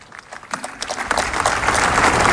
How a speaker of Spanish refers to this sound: Vuelve a levantar los aplausos por toda la plaza